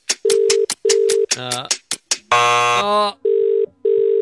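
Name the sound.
phone ringing unanswered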